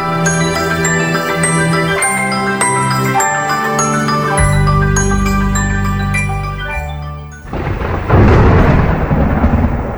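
A bright, tinkling musical jingle plays for several seconds, then a loud crack of thunder breaks in and rumbles heavily through the final two seconds.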